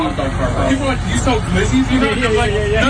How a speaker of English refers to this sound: A bit of sound of … doing what he does best and delivering those empanadas out of his food truck today